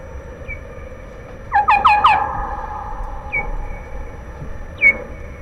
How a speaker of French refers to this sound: Alors, dans ces conditions, il y a des réactions qui peuvent être bruyantes, c'est-à-dire qu'une des chauves-souris n'accepte pas l'intruse et on a des cris.